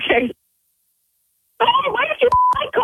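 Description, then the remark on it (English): A short electronic phone tone with sharp clicks as a three-way telephone call is connected cuts briefly through a stretch of talking voices after a moment of silence. “She's actually calling me right now. Three-way the call in, and we'll sit back from the radio station and just listen in, all right?”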